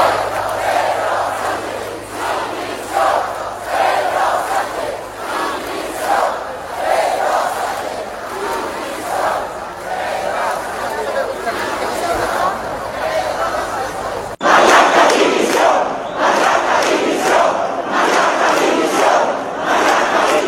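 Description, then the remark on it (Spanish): A large crowd at a rally by the town hall shouts loud, rhythmic chants demanding the resignation of Pedro Sánchez and Marlaska, voices rising and falling in repeated bursts, with a sudden louder stretch near the end as the chanting intensifies. “Se escucharon gritos pidiendo la dimisión de Pedro Sánchez y de Marlaska.”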